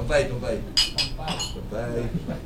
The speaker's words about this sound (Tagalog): Pero bago yan, toast muna tayo para sa second year anniversary ng aking programa.